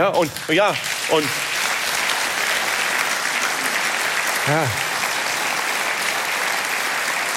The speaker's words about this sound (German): Und wissen Sie, vor 5 Jahren hätte es dafür nie und nimmer Applaus gegeben. Weil wir alle gesagt haben, das ist eine Selbstverständlichkeit, das ist eine Banalität.